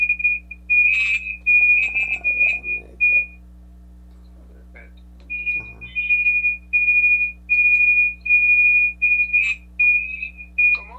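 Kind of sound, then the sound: signal or alarm, mobile phone ringing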